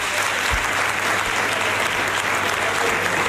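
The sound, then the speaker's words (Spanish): Sustained, dense applause from Partido Popular members of the Andalusian Parliament, standing and clapping together for Juanma Moreno, re-elected president of the Junta de Andalucía; a steady loud wash of claps with no pauses or voices standing out. “Eso es, vemos a todos los parlamentarios populares de pie aplaudiendo al nuevo presidente, a Juanma”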